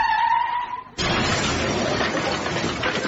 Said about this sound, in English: The car crashed into it!